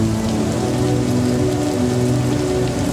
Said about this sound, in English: As the mega, mightiest, most terrible prophet Elijah continued to worship the Lord under the open heavens, the more the rain became even more heavier and more intense, blessed people, precious listeners, as though God the Father was responding.